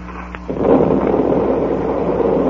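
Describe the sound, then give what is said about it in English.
A sudden underwater explosion of planted explosives detonating a shipwreck erupts after a brief quiet moment, ripping the wreck open and sending pieces of wood and dead fish to the surface, then a loud, sustained churning roar of turbulent water and rumble carries on to the end. No voices. “That explosion must have ripped the wreck wide open.”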